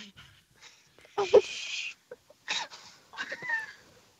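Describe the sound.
A voice imitates an umbrella battered by wind, performed live on the radio from a parking lot in Illertissen, with breathy whooshing bursts and a sharp flapping snap, rising and falling in several loud gusts over about four seconds.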